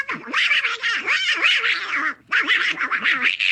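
An angry Donald Duck cartoon voice sputters and squawks in loud, raspy quacking bursts, ranting nonstop for about two seconds, pausing briefly, then launching into another furious tirade. A voice imitates the duck.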